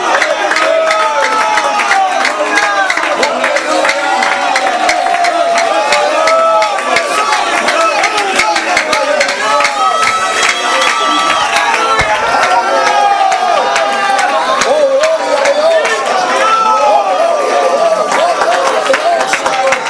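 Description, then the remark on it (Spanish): A large church audience loudly praises God and cheers together, many voices overlapping in a sustained, energetic roar with scattered claps, steady throughout the whole stretch. “Alguien alaba a Dios en esta hora. Las fuerzas de principados y potestades retroceden y el ejército levanta fiesta a la gloria de Dios.”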